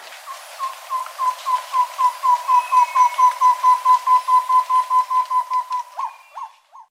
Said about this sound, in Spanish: El trino del tobacá común forma parte del Banco de Sonidos de Aves Colombianas, recopilado por el Instituto von Humboldt y la Universidad de Cornell.